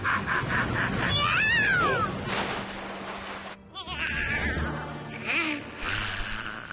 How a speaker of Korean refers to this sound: 고양이다.